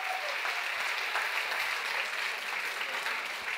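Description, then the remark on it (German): A crowd in Frankfurt claps steadily and cheers for writer Uwe Timm receiving the Goethe Prize of the City of Frankfurt, a dense, continuous wash of applause with scattered shouts filling the whole stretch at an even, moderately loud level, with no talking. “Jetzt möchte ich, dass ihr jubelt, dass man es bis in die Innenstadt hört, bis in die Paulskirche.”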